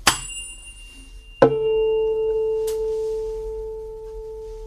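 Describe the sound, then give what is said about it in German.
A tuning fork is struck against a harder object with a sharp tap, then a louder second onset brings a steady, pure A tone that rings out for about three seconds, fading very slowly. It is used to tune a guitar. No one speaks. “Man nimmt eine Stimmgabel, klopft sie gegen einen etwas härteren Gegenstand und hält sie dann an die Gitarre.”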